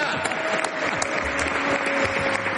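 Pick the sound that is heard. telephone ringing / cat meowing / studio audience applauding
studio audience applauding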